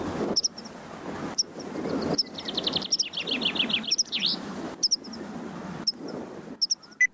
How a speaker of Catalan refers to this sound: Titella. Antus pratensis. És una au hivernant que trobareu d'octubre a abril a les zones de conreu i de camp obert.